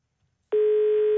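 A steady telephone line tone of a listener calling in from Odda starts abruptly after a short silence and holds at an even pitch and constant loudness until the end, clear with no voices.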